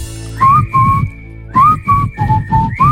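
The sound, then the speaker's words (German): A person whistles a short, tuneful melody in clear, loud phrases of several notes each, with brief pauses between them and a low background hum beneath. “Musste ich jetzt mal ausprobieren, die Pfeiferei.”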